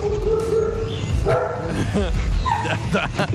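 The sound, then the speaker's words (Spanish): Several dogs bark and yip repeatedly in short, sharp bursts at a journalist doing a live report, loud, mixed with a talking voice and busy background noise. “Periodista haciendo vivo y los perros ladrándole.”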